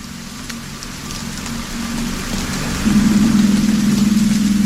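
Steady, dense rain hisses evenly throughout. A low droning hum fades in under it and grows louder toward the end. No voices are heard.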